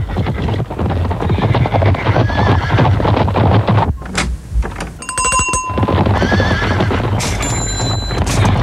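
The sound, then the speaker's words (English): A herd of zebras, presented as visiting a chemist's shop, whinnying and neighing over a steady clatter of many hooves, loud and continuous, with a short bright bell ringing partway through. “And now a herd of zebras visiting the same chemist to ask for something for the weekend.”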